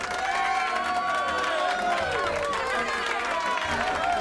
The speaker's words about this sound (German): Unglaublich, dass der immer so viel Applaus kriegt.